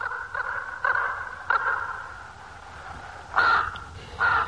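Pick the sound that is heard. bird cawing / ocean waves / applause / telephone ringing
bird cawing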